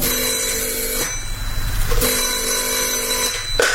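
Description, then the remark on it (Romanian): A telephone bell rings in two long bursts separated by a short pause, loud, with a low rumbling background underneath and no voices. “François îmi mai telefona din când în când.”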